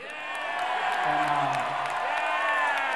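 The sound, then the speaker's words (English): A crowd cheers and whoops loudly, a dense wash of many voices with shrill, rising whistle-like shouts sustained throughout, swelling slightly in the middle. “Yeah! And, the crowd's with me, all right.”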